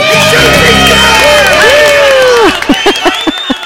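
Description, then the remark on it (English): A loud crowd cheers and whoops together, voices rising and falling over a dense roar, then it thins into a few scattered, rhythmic claps near the end. “Listen for the cheer at the end.”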